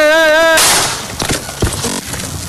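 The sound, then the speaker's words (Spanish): A brief wavering tone gives way to one sharp, loud gunshot fired from about one metre away at a man during a live broadcast in Tres Ríos, Culiacán, Sinaloa, followed by a noisy, ringing tail with a couple of fainter thuds. “Y así llegó, un solo disparo, a un, ¿qué será?, un metro de distancia, y pegan pues en la parte trasera de la cabeza.”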